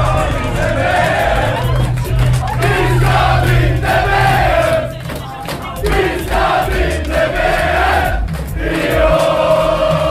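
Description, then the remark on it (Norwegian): A large crowd of Norwegian football supporters in a town cheers and chants together, celebrating Norway's win over Brazil that took it into the World Cup quarterfinal, a dense, loud roar of voices with rhythmic singing rising and falling throughout, continuous. “Supporterne jublet og sang og klemte hverandre etter den historiske seieren.”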